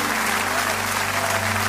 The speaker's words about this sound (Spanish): Dévele fuerte ese aplauso a Él.